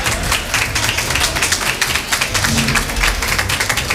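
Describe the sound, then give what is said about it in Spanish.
Steady, dense applause from a crowd at a polling station, many hands clapping at once in a continuous crackling wash of sound with no pauses, fairly loud throughout and no voices standing out. “Están aplaudiendo en ese colegio electoral. Y este es el sonido que tiene.”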